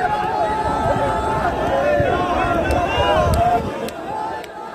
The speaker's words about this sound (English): That's some of the mourning in the streets in Iran now.